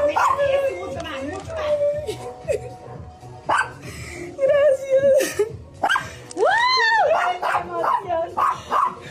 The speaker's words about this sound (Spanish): El perro celebra también, ¿no? Allá está también.